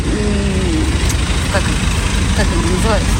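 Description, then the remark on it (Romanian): The engine of a car that is nearly out of fuel rumbles loudly and steadily, sounding rough and strained as it starts to sputter, while a person talks briefly over the noise. The car is waiting in a fuel queue in Russia. “Nu, în acest moment, pustoi bac. Mașina începe să glocnească.”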